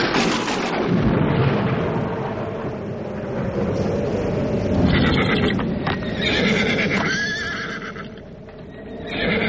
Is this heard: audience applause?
no